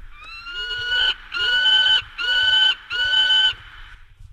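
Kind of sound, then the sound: bird, peregrine falcon call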